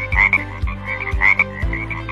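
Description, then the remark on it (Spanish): A frog croaks in a steady, repeating rhythm, four low throbbing calls with a raspy, buzzing overtone, fairly loud and with no voices. “Los anfibios son inofensivos y realizan una gran labor controlando las plagas en el ecosistema.”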